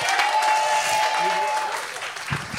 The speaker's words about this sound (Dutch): Dames en heren, een daver applaus voor onze volgende artiest